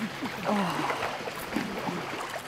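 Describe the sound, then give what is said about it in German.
Water sloshes and splashes steadily as someone wades three or four rounds through a shallow, cool Kneipp basin opposite a wildlife park between Hoxberg and Savellingen, a continuous churning, with faint voices murmuring underneath. “Wir haben bestimmt 3 oder 4 Runden gedreht.”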